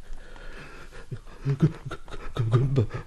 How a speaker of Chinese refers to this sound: 满脸不知道是汗水还是泪水，穿过草木到了一条小径上喘息。